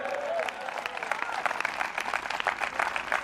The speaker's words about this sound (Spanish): Den fuerte ese aplauso si es para Él.